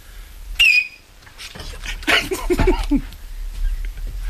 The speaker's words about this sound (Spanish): Baja el micro, que va a silbar Miki Nadal.